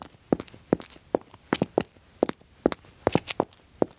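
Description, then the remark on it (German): Light, brisk footsteps in a quick, bouncy rhythm with some steps landing in rapid pairs, like a lively skipping walk, performed as cheerful footsteps by a foley artist in a studio. No one speaks. “Jetzt probiere ich mal fröhlich.”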